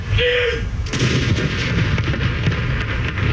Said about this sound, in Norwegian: Klokken 12, litt over 3 timer etter at hele Norge fikk vite om dødsfallet, var det tid for salutering med kanoner på Akershus festning.